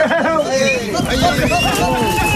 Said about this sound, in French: Cette ambiance, elle est vraiment de chez nous. Camargue, petite Camargue, ces sons mélangés de chevaux, taureaux et manadiers, c'est une signature ici.